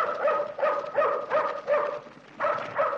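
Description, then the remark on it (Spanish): A dog barks repeatedly in a steady rhythm, about seven loud barks with short gaps between them, at an approaching shadow in a moonlit camp at night, with no voices over it. “Una sombra que avanza hace ladrar al perro de Reina”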